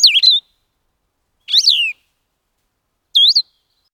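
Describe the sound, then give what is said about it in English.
A blue-headed vireo sings in a yard around 6:20: three short, halting, slurred whistled phrases, each about half a second long, separated by pauses of over a second; clear, with no voices. “First, the distinctive two-part trill of a Nashville warbler. Then, the halting, whistled phrases of a blue-headed vireo.”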